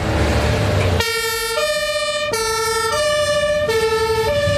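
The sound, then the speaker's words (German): A St. Ingbert fire brigade engine, a Kehle 4000 carrying 5,000 litres of water, arrives with its siren blaring loudly in a two-tone pattern, alternating between high and low pitches. Its steady rumbling engine runs alone for about a second before the siren starts. “Das ist ein Kehle 4000, hat 5000 Liter Wasser an Bord.”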